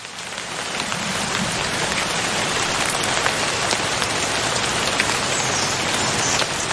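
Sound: rain falling on leaves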